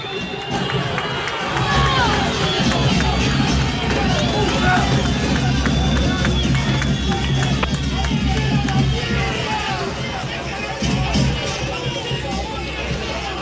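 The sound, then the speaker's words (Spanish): A stadium crowd whistles loudly and continuously at the departing Juventud Antoniana (Centro Joven Santander) team as it leaves, shrill piercing whistles rising over a dense roar of shouting fans and babble that barely lets up for the whole stretch. “Así es, se retira todo el equipo del Centro Joven Santander, muy silbados por los hinchas.”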